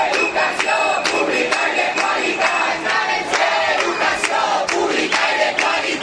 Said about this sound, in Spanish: Son los gritos que lanzaba un grupo de profesores a las puertas del Menador a la llegada del presidente de la Generalitat, Juanfran Pérez Llorca, que ha visitado y que está visitando a estas horas la ciudad de Castellón.